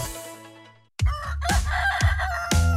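A rooster's crow trails off loudly at the start. After a brief gap, punchy music with a steady beat takes over, hitting about twice a second.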